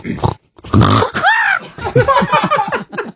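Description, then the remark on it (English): A person imitates a pig stubbing its toe, giving a few low grunts before a sharp, rising-and-falling squeal and a burst of pained, rapid squeaky snorts, loud. “Okay, so I would like you to be a pig mm-hmm. That that stubs its toe.”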